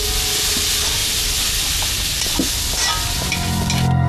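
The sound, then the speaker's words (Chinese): A steady, loud sizzle of food stir-frying in an iron wok, with a few metallic scrapes and clinks of a ladle against the pan and no voices. “哎，那个胖子，多点上两盏灯，我这炒勺跟铁锅都看不见了。”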